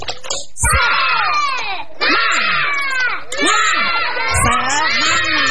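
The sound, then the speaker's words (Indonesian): A group of kindergarten children from TK Kristen Kalam Kudus Kota Raja, standing in a studio, loudly chant the 'Tepuk semangat' clapping chant together in a rhythmic, sing-song pattern, punctuated by a few sharp bursts of clapping at steady intervals. “Yang di rumah juga bisa bangkit berdiri dan mengikuti semua teman-teman yang ada di studio. Tepuk semangat.”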